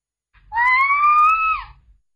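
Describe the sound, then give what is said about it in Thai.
A woman among a group of onlookers lets out a single high, piercing scream of fright, sustained for just over a second at a steady pitch before dropping off sharply at the end, loud and alone with a low rumble underneath. “เสียงผู้หญิงคนหนึ่งซึ่งอยู่ในกลุ่มผู้สังเกตการหวีดร้องออกมาด้วยความตกใจ”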